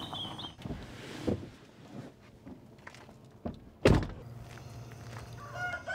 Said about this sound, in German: Gut, alles gut. Hühner geht's gut. 1000 Maran-Hühner leben hier. Sie sind bekannt für hochwertige Eier.